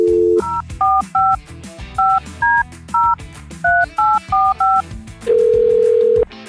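A phone is dialed to get a listener on the line for a game on a Houston radio show: a short dial tone gives way to a quick run of about ten beeping touch-tone keypresses, each a brief two-note chirp, then a steady, louder tone holds for about a second.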